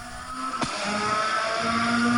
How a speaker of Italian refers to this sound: Sentiamo anche il suono dei motori.